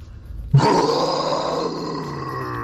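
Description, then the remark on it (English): A person lets out a loud, sustained growling roar imitating a lion, starting abruptly and holding for about two seconds. “this is my roar for Friday Simba”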